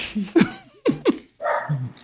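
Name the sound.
dog barking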